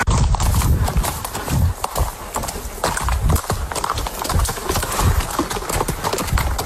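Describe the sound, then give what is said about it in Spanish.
A horse's hooves clip-clop in a steady, brisk, loud rhythm, continuing throughout with a faint rustle of outdoor noise in the background and no talking. “Volver a montar tu caballo, volver a cuidarlo.”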